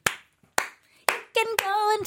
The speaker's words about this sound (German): Mach nochmal, wie klatschst du?